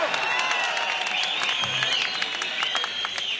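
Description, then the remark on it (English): A concert audience makes a steady roar of noise, with yelling, shrill whistles rising and falling, and scattered clapping, loud and unbroken throughout. “If you don't stop making noise, we'll just leave now.”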